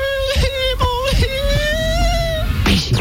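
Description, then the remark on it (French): On a French radio gag on Radio Pénard Skyrock, a man's voice imitates a little girl crying: whiny, high-pitched wails broken by sobbing gasps, then one long, drawn-out quavering cry, loud. “Écoutez-le faire la fillette qui pleure.”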